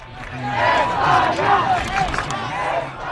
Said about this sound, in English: It was a big day yesterday at Boston City Hall Plaza as a large crowd gathered to watch Spain beat Argentina 1-0 in the World Cup final.